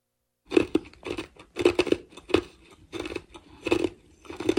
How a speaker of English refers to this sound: I'm making a video of you chewing ice. Chomped ice feels so soothing. But it has to be chomped.